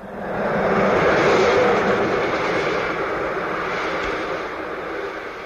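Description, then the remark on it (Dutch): A train rumbles past, its broad, roaring noise swelling quickly and then holding steady and loud for several seconds, with no voices. “De treinen waarin ze rijden stuur ik om beurten naar links en naar rechts.”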